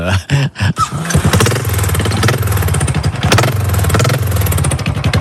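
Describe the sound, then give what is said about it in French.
A Harley-Davidson motorcycle engine cranks with a few sputtering bursts, then catches and settles into a loud, steady, deep rumbling idle with a rhythmic lumpy throb. “Et ben là, je vais démarrer une moto dont les connaisseurs retrouveront le bruit, peut-être.”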